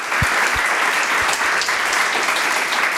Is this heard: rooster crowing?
no